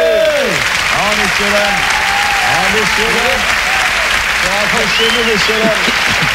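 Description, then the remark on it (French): An audience claps steadily and loudly for several seconds, a dense wash of hands with indistinct voices calling out over it throughout. “Droit d'applaudissement bourgeois, messieurs-dames.”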